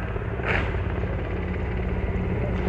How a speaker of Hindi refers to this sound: और इस समय आकाश आकाश में जो स्वर हमें सुनाई दे रहे ध्वनि सुनाई दे रही है वो उन हेलीकॉप्टर्स की है जो पुष्प वर्षा करते हुए लाल किले के प्राचीर के ऊपर से गुजर रहे हैं और लोगों की निगाह उसी आसमान की तरफ है।